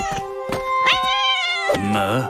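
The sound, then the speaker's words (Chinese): Azrael, the cat from The Smurfs, lets out a drawn-out, wavering meow that sounds pained and whiny, preceded by a few short breathy cries, fairly loud with no one speaking. “阿兹猫不吃蓝精灵，他是非常好的猫。”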